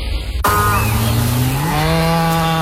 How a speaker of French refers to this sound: C'est un bruit qu'on connaît bien chez Alsace Lait. Une vache, oui, qui donne du bon lait de pâturage d'Alsace